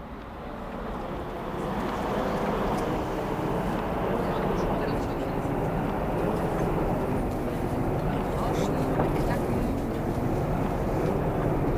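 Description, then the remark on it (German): A recording of a tram (Straßenbahn) played back slowed down, so that what is inside the sound can be heard: a steady, dense rushing rumble, heavy in the low end, that drones on without a break and with only faint flickers of higher detail. “Na, die Straßenbahn, die rauscht da ganz vor sich hin so.”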